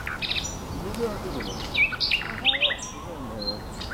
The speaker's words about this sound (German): Ein Privatkonzert der Nachtigallen.